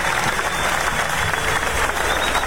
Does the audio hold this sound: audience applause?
yes